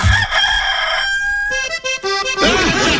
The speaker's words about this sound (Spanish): ¿Sí o no, gallito Bartolo? ¿Usted conoce ahí a su pollito? Gallito Bartolo, ya pues, diga algo, gallito Bartolo.